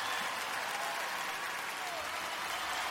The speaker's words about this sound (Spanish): ¿Cuánto le pueden dar un fuerte aplauso al Señor?